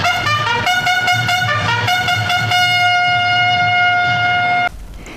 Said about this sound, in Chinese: 伴随着嘹亮的军号声，列车准点从瑞金站驶出，穿越江西、湖北、陕西，一路飞驰。